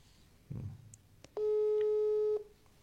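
A telephone busy tone on an outgoing call to the governor: one loud, steady electronic beep lasting about a second, preceded by a soft low thump and a faint click, with no voices.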